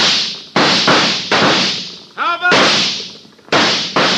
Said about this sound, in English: Start shooting, Jonah. Make them think there's a lot of us.